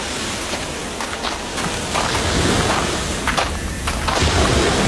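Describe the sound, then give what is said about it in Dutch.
Footsteps crunch across a beach of broken coral pieces and shell fragments, including oyster shells, at a steady walking pace, each step a brittle scrunch, against a constant hiss of wind or surf. “Lopen op een soort, ja, wat is het, een kalkstrand?”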